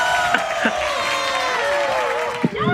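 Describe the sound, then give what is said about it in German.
A man's wife cheers excitedly in the background, high and wavering, mixed with a few other voices whooping, all blended together for a couple of seconds. “Was war denn das im Hintergrund? Meine Frau. Jubeln alle mit.”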